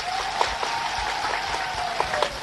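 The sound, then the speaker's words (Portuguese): A crowd in Moma claps steadily for Salvador, dense overlapping handclaps forming a continuous wash of applause with a few sharper claps standing out, sustained at moderate loudness throughout. “Quero pedir uma grande salva de palmas para Salvador.”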